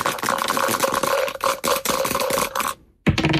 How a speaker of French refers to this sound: Allez, on y va, on lance les dés. On y va. Allez, go.